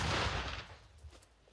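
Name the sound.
artillery gun firing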